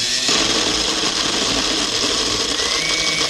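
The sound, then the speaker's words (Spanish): A kitchen blender whirs steadily, a loud continuous motor roar with a bright, gritty high end that holds without pause from start to finish. “A ver, prende la licuadora.”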